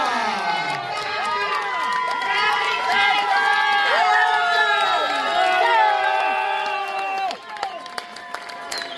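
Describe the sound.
A crowd cheers and applauds steadily, with many voices whooping and shouting over a dense wash of clapping. It stays loud throughout, then dips briefly near the end before picking up again.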